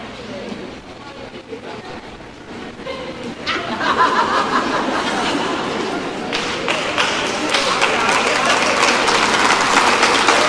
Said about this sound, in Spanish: Ustedes saben por qué ustedes están aplaudiendo, ¿verdad? Porque no, hay un silencio. Oh my God, llénenlo, llénenlo. ¡Hey! La gente no soporta el silencio.